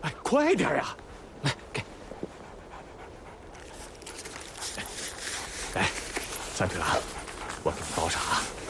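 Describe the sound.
An injured three-legged wolf whimpers and yelps in short, high whines with bursts of panting, while people talk over it as they bandage its wound with a red scarf after disinfecting it with Moutai liquor.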